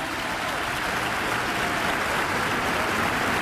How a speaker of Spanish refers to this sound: Yo, en el nombre de Cristo Jesús, nuestro Señor. Dale un fuerte aplauso, Señor.